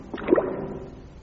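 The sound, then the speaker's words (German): A water gate opens, heard from a boat on the water, with a brief, moderately loud creaking and watery rush that peaks early, then settles into a low, fading rumble. “Klingt, als ob sich ein Tor öffnet.”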